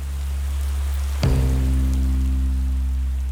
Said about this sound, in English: Then Moscow. The Champions League final against Chelsea. Rain. So much rain.